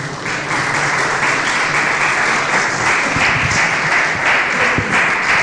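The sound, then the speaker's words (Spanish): Loud, sustained applause from a crowd for Jesus, a dense steady clatter of many hands clapping that holds evenly for several seconds without a break. “Un aplauso poderoso a Jesús.”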